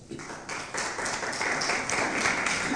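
A crowd breaks into applause, many hands clapping in a dense, steady wash that swells quickly after a quiet start and holds loud and even to the end.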